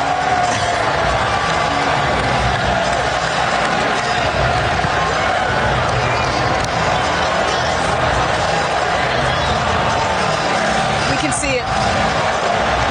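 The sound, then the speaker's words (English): A packed arena crowd of Knicks fans roars and cheers in a steady, loud wash of voices that holds without a break, with a few sharper shouts rising above the din, heard in the background during a long pause in Brunson's emotional televised interview. “That long break, you can hear the Knicks fans, and there were a ton of them in the building, by the way, cheering in the background.”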